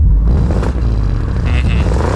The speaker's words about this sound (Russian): вам нужно будет издать звук, подобный выхлопу BMW. Давайте послушаем, как он звучит.